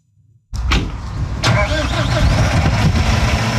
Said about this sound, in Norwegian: Endelig kan traktoren gå, og bonden får slå.